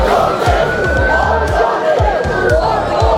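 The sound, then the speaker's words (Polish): A loud, agitated crowd shouts and roars continuously at an evening riot in Southampton during a police intervention, with a steady run of low, rhythmic thuds beneath it and a thin, sustained high tone cutting through. “Do takich zamieszek doszło wieczorem w Southampton, a premier Wielkiej Brytanii Keir Starmer zapowiedział wyjaśnianie działań policji.”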